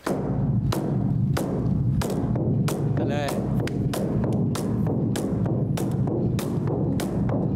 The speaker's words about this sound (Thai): ผมเป็นคนตีกองด้วย